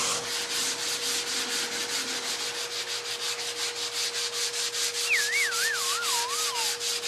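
Sandpaper rasps steadily against a wall by hand in quick, even back-and-forth strokes, smoothing and leveling the surface after machine sanding, continuous over a faint constant hum, with a brief wavering whistle near the end.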